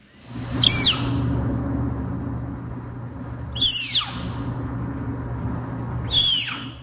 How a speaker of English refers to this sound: These are from snow leopards in captivity, so not in the wild. And you're about to hear a snow leopard cub while it's being weighed by veterinarians at the Como Park Zoo and Conservatory in St. Paul, Minnesota.